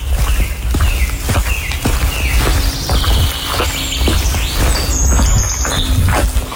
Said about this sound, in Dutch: Lopen door een nat bos. Nat bos, van gisteren. En je hoort als het geregend heeft dat de vogels echt tot leven komen, hè? In het fragmentje hoor je het ook. Heel veel vogels.